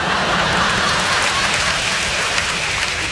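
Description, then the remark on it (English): Steady, dense rain pours down, a continuous hissing patter spread evenly across the whole stretch, fairly loud with no voices or breaks. “when are you going to stop this rain and bring us some sunshine?”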